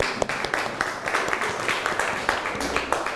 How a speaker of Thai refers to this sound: โอเคปรบมือเพื่อนหน่อยแล้ว